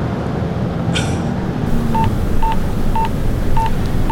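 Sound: telephone number being dialed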